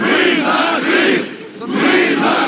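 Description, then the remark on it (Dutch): A large crowd of several hundred Russian-speaking residents of Crimea protesting in front of the regional parliament in 2014 shouts in unison, loud rhythmic chanting bursts rising and falling, with a brief dip in the middle before the massed voices surge again. “Enkele honderden Russisch sprekende inwoners van de Krim protesteren voor het regionale parlement.”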